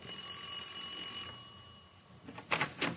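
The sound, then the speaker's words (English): A doorbell rings with a bright, sustained metallic tone that fades over about a second, followed by a brief quiet and then two short clattering bumps. “All right, ring the bell.”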